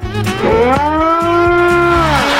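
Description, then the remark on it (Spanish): A person imitates a cow in place of a horn honk, with one long, loud, drawn-out moo that swells and holds steady for a couple of seconds, with no other talking. “No tengo bocina, te puedo montar una vaca.”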